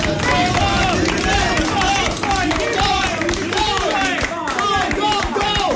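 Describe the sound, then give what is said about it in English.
About 10 research assistants at a Ball State lab cheer and shout encouragement while clapping steadily for a runner on a treadmill, voices overlapping loudly and continuously, with a rhythmic thudding underneath. “They're cheering me on while I'm just like killing myself on the treadmill.”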